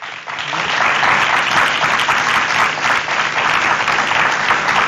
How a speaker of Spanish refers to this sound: le damos el aplauso, por favor.